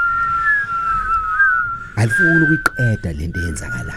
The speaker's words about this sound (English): The wind whistles softly.